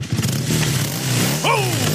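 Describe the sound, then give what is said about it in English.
A just-repaired motorcycle engine idles with a steady low drone, then revs sharply upward near the end, its pitch climbing and falling back as the throttle is blipped. “Sounds like another beauty's been given the repair it needs thanks to the crew at Mackay Motorcycles.”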